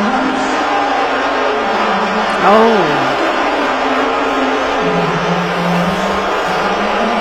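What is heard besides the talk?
stadium crowd booing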